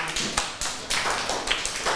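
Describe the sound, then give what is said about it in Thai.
A group of children in a classroom clapping together for a group of classmates, a steady patter of overlapping hand claps at moderate loudness that carries on for the whole moment, with no talking. “มีความคิดเห็นเห็นด้วยกับเพื่อนใช่ไหมคะถ้าเห็นด้วยกับเพื่อนก็ปรบมือให้กลุ่มนี้ด้วยค่ะ”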